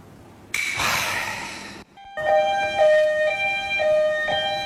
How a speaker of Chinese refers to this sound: 哎，来救护车干啥？